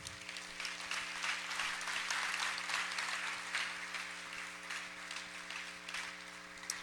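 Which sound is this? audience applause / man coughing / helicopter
audience applause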